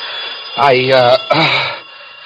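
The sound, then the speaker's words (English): A hotel telephone in Buffalo rings in broad daylight, in two buzzy, evenly pitched bursts, each about half a second long with a brief gap between them, over a steady background hiss. “For when I wakened, it was broad daylight and the phone was ringing.”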